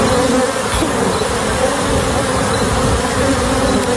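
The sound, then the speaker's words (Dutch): A dense, steady drone of many honeybees buzzing together, loud, filling the whole stretch without pause: a swarm of honeybees escaped from a bee truck in Texas that carried 400 hives with about 2 million bees. No one speaks. “De bijenvrachtwagen in Texas vervoerde 400 bijenkorven met in totaal 2 miljoen bijen.”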